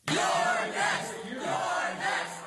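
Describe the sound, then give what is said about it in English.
A large crowd in New York chants together, directed at Hakeem, in loud, rhythmic surges, many voices rising and falling in unison with a roaring, echoing quality, as if heard at a packed rally. “And did you hear the crowd in New York?”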